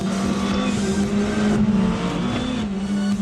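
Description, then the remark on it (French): A turbocharged convertible car engine holds a loud, steady high-revving drone, its buzzy pitch dipping and climbing slightly as it runs, with no talking over it. The engine revs to a maximum of nearly 8000 rpm. “Pour un moteur turbo, c'est quand même une plage de régime assez élevée.”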